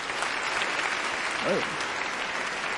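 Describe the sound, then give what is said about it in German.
Steady audience applause for a participant in a music session who imitated a cuckoo, a dense wash of clapping at even loudness for about three seconds, with a brief voiced sound rising and falling in the middle. “Applaus für”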